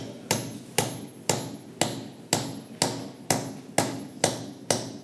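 Ten sharp, evenly paced hammer blows drive a nail into a wooden chair leg to repair the chair, each crisp knock ringing briefly before the next, about two strikes per second, with no talking.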